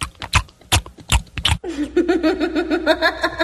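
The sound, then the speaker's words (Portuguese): Exaggerated chewing of meat by people gathered on a Sunday: a quick run of wet smacking mouth noises, then a steady, nasal munching grunt carried by a voice, like someone imitating noisy eating. “Agora só escuta o pessoal mastigando a carne, ó.”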